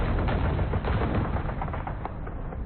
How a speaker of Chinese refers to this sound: 不久，卢沟桥的枪声响起，拉开了中国全民族抗战的序幕。